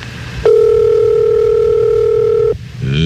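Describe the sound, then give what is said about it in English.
A single telephone ring tone heard over the line, one loud, steady electronic hum lasting about two seconds, then cutting off as faint music rises in the background. “And now she's waddling her way to the phone.”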